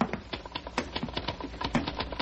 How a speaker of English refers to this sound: He really is working, isn't he? I mean, I hear him, his typewriter.